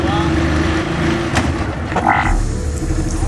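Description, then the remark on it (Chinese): A KMAS team race car engine idles roughly and sputters, failing to rev up and gain speed, its low, uneven rumble steady throughout with a brief whining rise partway through. “发动机声音都没起来， 速度没起来， 提起速来基本上是没有问题。”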